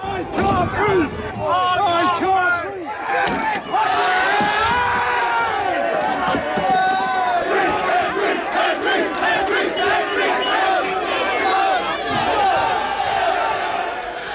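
A large crowd of protesters marching across the city to the St. Denis area shouts and chants in a continuous, loud roar of overlapping voices, with rising yells and cries breaking out across the whole stretch, and no single voice standing apart.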